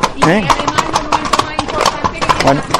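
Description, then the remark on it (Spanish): Steady clip-clop of horse hooves striking pavement in Osuna, Spain, entering the gate of the collegiate church at the start of the Osuna–Ronda horseback route; a quick regular rhythm of sharp knocks throughout, with a voice talking over them. “Estamos ahora mismo entrando en lo que es el cancel de la colegiata de Osuna, que es el punto de partida de la ruta esta de Osuna Ronda Caballo.”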